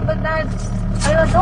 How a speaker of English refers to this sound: I drift away into the back seat as the car muffles out their words. But this is how I always hear them. They're speaking my family's dialect, Kamapangan, also known as breastfed language.